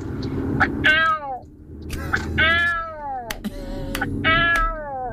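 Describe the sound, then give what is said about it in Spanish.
A person imitates a mother cat calling her kittens to call four young female cats, making three drawn-out, falling meow-like calls with short pauses between them over a low background rumble. “Tengo 4 gatitas y he conseguido tener la habilidad de llamarlas como si fuera su madre.”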